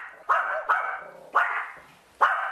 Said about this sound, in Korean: 그런데 제니는 계속 이렇게 짖나요? 낯선 사람이 오면은요, 그 사람이 거의 나갈 때까지 이제 계속 짖게 되고요.